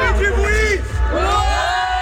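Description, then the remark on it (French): A crowd of children from the La Couronne de l'Ours holiday camp, Tour de France spectators at Orcières in the Alps, cheers and yells excitedly while waiting for the race, their high-pitched voices overlapping in rising and falling whoops, loud and continuous over a low rumbling background. “14h à Orcières, les enfants du centre de vacances, la couronne de l'ours, déchaînée en attendant la course.”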